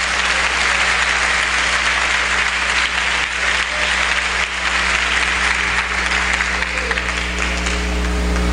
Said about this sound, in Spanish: Dele fuerte el aplauso.